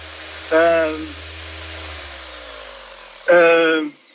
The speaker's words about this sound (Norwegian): Hører du hva dette her er? Hører du der? Nei, du må hjelpe meg litt der. Det sirkelsaga. Så ikke den båten borte inne en halvtime, så kapper vi av de 40 centimeterne.